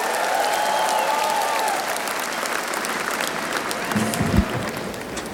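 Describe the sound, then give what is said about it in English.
A large crowd at the North Sea Jazz festival applauds steadily, a dense wash of clapping that holds loud throughout, with faint cheers and whistles rising above it and a brief low thump near the end. “Yes, give yourselves a hand.”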